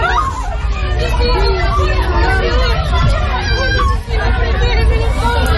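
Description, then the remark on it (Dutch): A panicked crowd running on a street in Venezuela after two strong earthquakes, many voices shouting and talking over one another in a loud, continuous babble, with a low rumble of traffic underneath. “Mensen renden in paniek op straat, is te horen op deze beelden.”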